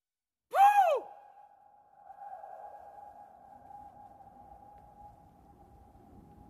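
A sharp, bright tone sweeps up and falls at the start, then a single pitch rings on and slowly fades for several seconds, like a long echoing reverberation in an empty space.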